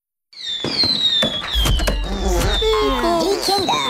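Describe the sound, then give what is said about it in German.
Firework rockets going off in a busy barrage: whistling rockets rise and sweep in pitch over a steady rumble, punctuated by sharp cracking bursts, loud throughout. “Ja, also das vierte ist Feuerwerk.”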